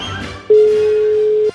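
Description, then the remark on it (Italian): A telephone rings on an unanswered call from a radio game show to a contestant in Bari: a single steady mid-pitched ringback tone holds for about a second, loud and unbroken, with no voices over it. “Quarto squillo.”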